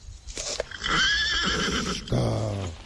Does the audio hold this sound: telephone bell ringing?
no